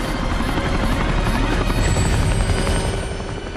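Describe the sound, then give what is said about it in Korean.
Two helicopters roar steadily overhead, flying over snowy mountains, with a dense, throbbing rotor chop and engine whine that stays loud throughout, with no voices. “두 대의 헬기는 설산 위를 비행한다.”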